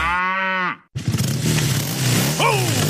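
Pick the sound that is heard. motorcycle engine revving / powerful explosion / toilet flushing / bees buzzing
motorcycle engine revving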